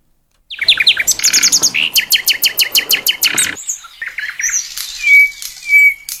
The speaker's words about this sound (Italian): la rubrica DJ Dillo viene sempre annunciata dal nostro amico usignolo, quindi lo facciamo partire